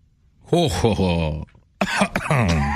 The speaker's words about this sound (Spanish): Triunfante, el vampiro quiso celebrar su victoria, se llevó las manos a la cintura, miró al cielo y soltó una carcajada malvada que terminó en dos en tos porque se ahogó con su propia saliva.